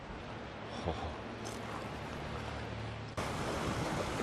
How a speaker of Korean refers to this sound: 우와! 크아, 저 설산 눈 녹은 물이 이 협곡 따라서 엄청난 속도로 쏟아져 내려가고 있습니다.